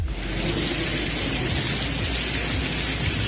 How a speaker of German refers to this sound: Klingt, als wäre es ein kleiner Wasserfall, ist aber im Unigebäude, sollte da natürlich beim Studieren überhaupt nicht der Fall sein.